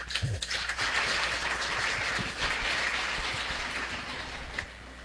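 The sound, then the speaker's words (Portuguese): Sustained applause from a church audience welcoming a visiting priest at a parish Mass, a dense steady patter of many hands clapping at an even loudness that eases slightly toward the end, with no voices over it. “Vamos acolher com a calorosa salva de palmas.”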